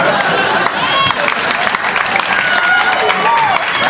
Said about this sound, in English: I like her. She's laughing, she's clapping, she's not yelling anything. I like that.